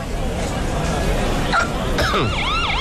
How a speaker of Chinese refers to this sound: 什么情况？怎么又来警车了？